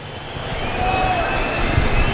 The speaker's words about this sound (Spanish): que está llegando el autobús del Real Madrid.